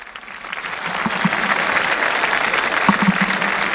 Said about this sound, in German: Es lebe der Papst, ruft die jubelnde Menge.